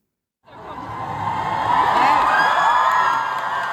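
A large crowd roars and cheers for a band at a concert, whoops and shouts rising out of silence into a loud, sustained wall of sound with no music yet.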